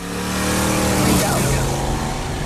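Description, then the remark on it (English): A car engine roars loudly and steadily, swelling to a peak as the car whizzes past about halfway through, then easing off slightly as it moves away. “You're going to hear a very famous lady say her name as she whizzes past in the Kiss FM car”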